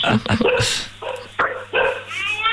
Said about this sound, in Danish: Altså, hunde, kan vi høre.